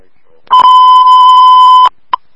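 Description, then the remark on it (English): A loud, steady electronic dispatch alert tone sounds for over a second, then cuts off, followed by a short second beep. No talking underneath. “Audible alarms now.”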